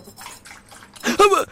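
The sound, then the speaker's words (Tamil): Tea is poured out for a dog in a short, steady splashing stream that grows louder near the end, with a voice speaking over it. “என்னடா பண்ற நாய்க்கட ஊத்துற,”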